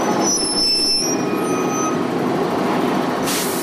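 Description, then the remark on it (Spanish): A heavy city bus engine rumbles as it pulls in to a bus shelter in the sun, high brake squeals ringing early on, then a sharp burst of air-brake hiss near the end. “Este sonido no es tan frecuente en las marquesinas. Los usuarios del autobús esperan cansados al sol.”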